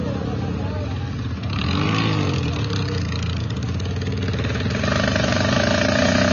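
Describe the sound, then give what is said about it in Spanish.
Steady engine noise from motorcycles returning from Hachatupo to Viacha on the road where the asphalt begins, with one rising and falling as it passes, while a man talks over the traffic. “Como podemos observar, desde Hachatupo están retornando a Viacha las motocicletas, excepto los de la bicicleta.”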